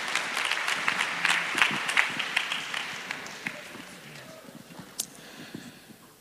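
An audience applauds the last-minute helpers, bursting into dense, steady applause for about four seconds, then the clapping thins out and fades into a few scattered, isolated claps.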